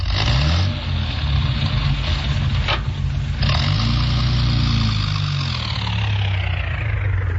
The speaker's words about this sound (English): All right, Constable, reverse the car.